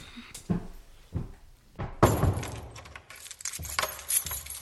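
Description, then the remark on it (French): Keys jangle, then the door of a house thuds shut and a lock clicks with a few sharp metallic clatters as the door is locked, all within a few seconds and with no talking. “Elles descendirent en bas pour verrouiller la porte de leur maison.”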